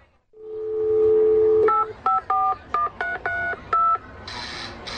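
A steady dial tone hums, then about seven crisp telephone keypad beeps follow in an uneven rhythm, clear, before a brief burst of harsher sound at the end.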